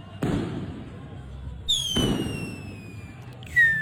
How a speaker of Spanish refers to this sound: es verdad que en Estados Unidos yo les mostré los petardos locos que hacen. No, tienen unos petardazos. Sí, esto lo ven. Si el 4 de julio hacen eso. Bueno, solo el 4 de julio.